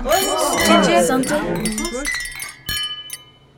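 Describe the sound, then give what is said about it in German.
Several glasses clink together in a toast, with bright ringing tones that linger after a few sharp taps. Voices chatter beforehand, then the clinking rings out more clearly on its own. “Na dann, Prost alle Mann und alle Frau.”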